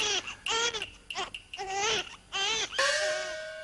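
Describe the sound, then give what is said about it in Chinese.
A baby cries in a string of short, high-pitched wavering wails, finishing with one longer drawn-out cry; fairly loud, with no talking over it, heard at the Qingfeng Pavilion. “哎呦，这哪里是鬼呀、啊？是个伢子的哭声嘛！”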